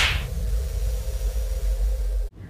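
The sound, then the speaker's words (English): A single sharp slap cracks at the very start, followed by a steady low rumbling background that runs on for a couple of seconds before cutting off abruptly. No one speaks. “Well, then we'd have to slap ourselves.”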